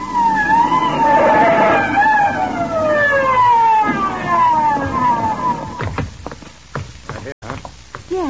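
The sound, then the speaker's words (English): A police siren wails loudly in repeated high, falling sweeps for several seconds as police hurry to a dark alley on Second Avenue, then gives way to a burst of clattering thumps and engine rumble. “She runs screaming from the scene and brings the cops down in a hurry.”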